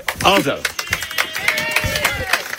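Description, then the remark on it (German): Thin, scattered applause: a few people clap irregularly, the sharp claps sparse rather than a full ovation, while someone talks over it. “Mageren Applaus da.”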